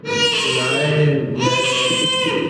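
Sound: newborn baby crying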